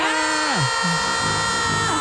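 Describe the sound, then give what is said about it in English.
Several voices on the Smiley Morning Show scream together at the secret word "pantaloons" in a loud, sustained burst lasting about two seconds, pitches swooping up and down as the yells overlap. “And we had to do something about that. Yeah. And scream at it.”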